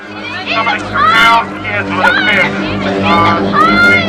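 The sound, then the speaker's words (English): A panicked crowd at a beach, reacting to a shark fin spotted moving into an estuary, many voices shouting and crying out over one another in a loud, continuous clamor, with no single voice standing apart. “Brody and Ellen make their way through the crowd.”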